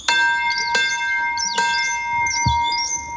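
A bell in the courtyard of Završki dvorec (Završki Manor) is rung with a few strong, irregular strikes, each adding to a bright metallic tone that keeps ringing and overlapping, loud in an open outdoor space.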